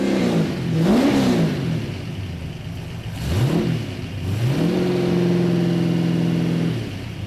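A race car engine, a family passenger car being raced, starts up and revs in sharp bursts, pitch climbing and dropping a few times before settling into a steady, loud high idle. No talk.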